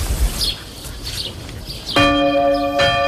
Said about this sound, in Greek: Δεν γνωρίζω τι καμπάνες, έτσι, αλλά οι καμπάνες να χτυπάνε λυπητερά, να χτυπάνε πάντα χαρμόσυνα. Εγώ αυτό θέλω.